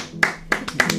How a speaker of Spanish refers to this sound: Un aplauso, ¿no?